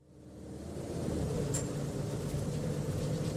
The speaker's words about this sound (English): You settle into your seat. The thudding of bus wheels on pavement is soothing by now.